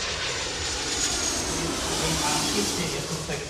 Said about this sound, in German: Während draußen die Verkehrsflieger noch mit Menschen im Cockpit starten und landen